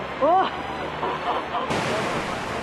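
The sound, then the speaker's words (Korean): A rain-fed waterfall roars down a previously dry rock face during sudden rain in a steady, dense wash of noise, with a short rising-and-falling voice exclamation near the start. “와, 폭포다!”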